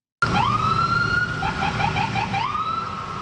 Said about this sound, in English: That was the sounds of sirens from police cruisers from South Shore municipalities making their way all the way to Station 26 in Côte-des-Neiges this morning.